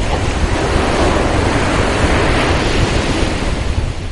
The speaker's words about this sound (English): This summer, while you're relaxing, soaking up the rays at the beach, watching the ocean waves lap on the shore, a new satellite will be hard at work in its orbit high above Earth.